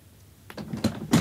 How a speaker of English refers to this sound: His lips brushed my cheek. I heard the door open and close. Then there was a long, empty silence.